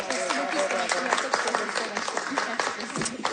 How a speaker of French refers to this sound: Je pense qu'on peut les applaudir, le public.